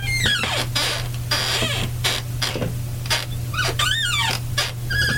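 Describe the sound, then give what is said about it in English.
A chair squeaks repeatedly in quick, high-pitched chirps and rising-falling warbles that sound like a beeping robot, over a steady low hum, with no talking. “If I can move just right, there's sort of an R2-D2 effect.”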